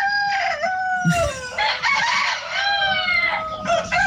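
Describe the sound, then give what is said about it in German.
A rooster crows loudly at a rooster-crowing contest held by a small-animal breeders' club in Randersacker, Germany, on a Sunday; a long drawn-out call with a rising start and a sustained, wavering tail that fills the whole moment, with faint rustling beneath. “Ja, wenn man auf dem Land wohnt, da hört es sich ja meistens schon so um 5, 6 Uhr früh so an.”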